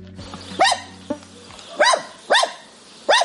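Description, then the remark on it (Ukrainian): An abandoned pet dog living among ruined, shattered homesteads barks four times in sharp, mid-pitched yelps at uneven intervals, with no talking and only a faint low hum underneath. “У таких потрощених обійстях ще й зараз живуть покинуті хатні тварини.”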